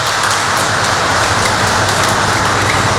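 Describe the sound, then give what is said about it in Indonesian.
A crowd at a church Mass claps for the liturgy helpers and the choir of TK Maria Virgo 2. The applause is a dense, continuous wash of many hands at a fairly loud, even level for the whole stretch, with no voices over it. “Mari kita berikan tepuk tangan untuk mereka.”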